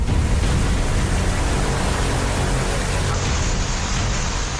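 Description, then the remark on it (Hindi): A dense, steady roar of torrential monsoon rain pours down without pause, loud, filling the whole scene with a continuous hiss and no voices. Monsoon downpour in Haldwani, Uttarakhand, India, on 20 July, flooding the city's roads. “मूसलाधार बारिश के चलते शहर की तमाम सड़कें देखते ही देखते पानी में डूब गई।”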